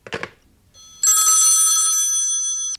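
A telephone bell rings loudly in one sustained, bright, metallic burst lasting under two seconds, shortly after a brief soft clatter; no one speaks.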